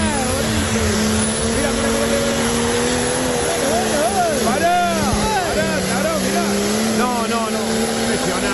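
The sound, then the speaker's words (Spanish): A diesel turbo engine roars loudly as it accelerates, a thick continuous rumble with a high whine on top, while voices talk over it partway through. “Ahí está acelerando, mira. Escuchá.”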